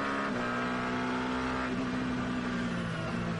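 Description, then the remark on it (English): The engine of the number 17 Genesis Magma Racing hypercar roars steadily for a few seconds, a loud, buzzing mechanical drone with a slight shift in pitch partway through. No one speaks. “And by the way, that's the Paul Hoop Shannon's behind the wheel of that, the number 17 Genesis Magma Racing car.”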